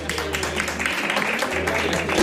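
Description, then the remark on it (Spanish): A steady wash of audience applause fills the whole stretch, many hands clapping densely and continuously at a fairly loud level, with a low hum underneath and no one speaking. “Y este aplauso es para ellas. Venga, un fuerte aplauso.”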